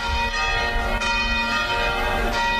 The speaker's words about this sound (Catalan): S'ha acabat la cançó i sonen les campanes.